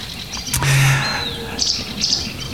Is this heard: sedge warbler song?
yes